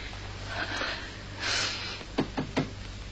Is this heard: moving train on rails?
no